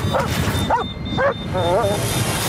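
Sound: dog barking and whimpering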